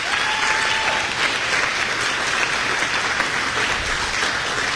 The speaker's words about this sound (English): If you can indulge me for just a second, another round of applause for our buildings and grounds team, the unsung heroes of every day here at the Illinois State Fair.